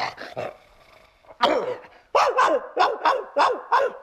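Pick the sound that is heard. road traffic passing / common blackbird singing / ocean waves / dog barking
dog barking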